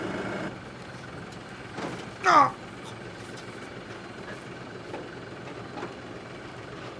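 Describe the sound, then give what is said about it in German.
A low, steady engine rumble of a blue tractor idling on the island of Hiddensee runs throughout, with a brief voiced exclamation cutting in once near the middle. “Für seinen blauen Trecker hat er eine Ausnahmegenehmigung bekommen, um auf Hiddensee fahren zu dürfen.”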